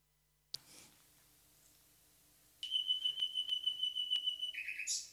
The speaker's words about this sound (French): Oui, le rossignol Philomèle écoute Radio Terre.